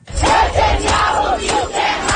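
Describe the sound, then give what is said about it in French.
A crowd of hundreds protesting in the street near United Nations headquarters in New York against Benjamin Netanyahu's visit shouts and chants together in a loud, continuous roar, with rising and falling voiced cries repeating in a rough rhythm and sharp bursts cutting through the din. “Dans la rue, près du siège des Nations Unies, ils sont des centaines à manifester contre la venue de Benjamin Netanyahou.”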